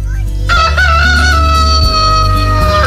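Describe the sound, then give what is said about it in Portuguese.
A rooster lets out one loud, drawn-out crow, starting after a brief moment of near-quiet and holding its strained, wavering call to the end, over a low steady background hum. “O galo cantou.”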